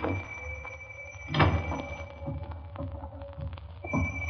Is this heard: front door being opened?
yes